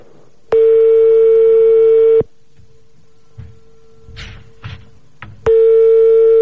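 A landline telephone call being placed: the ringing tone sounds in long, steady, buzzy bursts at a fixed mid pitch, with a pause between them holding a few soft clicks and rustles. Nobody speaks.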